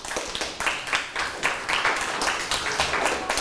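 classroom applause

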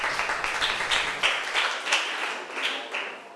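classroom applause

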